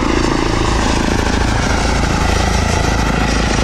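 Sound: electric airplane flying past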